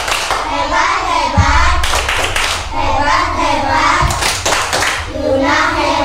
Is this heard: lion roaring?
no